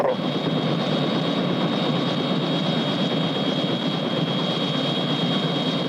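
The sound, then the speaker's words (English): A helicopter's engine roars steadily, a dense, loud mechanical drone with a thin whine on top that holds constant throughout, with no voices. “President, isn't that your helicopter over there?”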